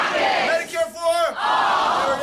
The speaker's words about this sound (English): If you go to one of Democratic Senate candidate Abdul El-Sayed's town halls in Michigan, you will hear the crowd chant the campaign slogan.